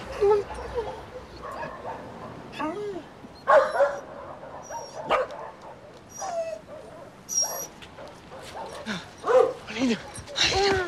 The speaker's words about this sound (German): Ja, Teddy, hier sind jede Menge Hunde. Aber wir suchen nicht irgendeinen Hund.